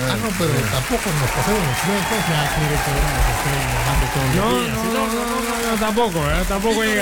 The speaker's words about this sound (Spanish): Qué bonito. Aplauso.